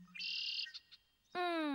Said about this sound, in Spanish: A la izquierda, un mirlo con alas rojas.